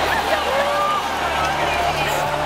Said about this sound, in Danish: Der bliver jublet hos nogle publikummer, der bliver buet hos andre. Folk ser glade ud, folk ser utilfredse ud, der bliver buet rigtig meget lige nu, kan jeg høre.